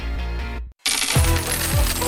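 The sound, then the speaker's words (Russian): Coins clinking and jingling together in a bright metallic cascade, with a short silent gap before a louder spill of coins rattling for about a second and a half. No one speaks. “Слышишь этот манящий звон?”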